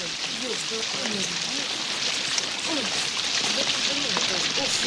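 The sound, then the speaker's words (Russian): Steady rain hisses throughout, a dense, even wash of falling water with no pauses, while muffled voices murmur faintly underneath. “Самый дождь, телефон сейчас промок, принесем.”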